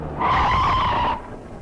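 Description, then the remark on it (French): A loud, sustained tire screech from a car skidding and hitting a motorcycle lasts about a second, then cuts off abruptly into low rumbling background noise. There is no voice. “Dis attention au motard, il a pas l'air très fixé sur sa direction.”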